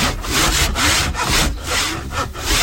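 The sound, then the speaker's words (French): Wood being roughed out by hand with a file and rasp in a travelling woodworking workshop, in a steady back-and-forth rhythm, about six rough, scratchy strokes, fairly loud, with no voices. “La lime, la râpe, ouais. Tu dégrossis là, et après à la ponceuse, enfin à main, tu viens comme on a fait la dernière fois.”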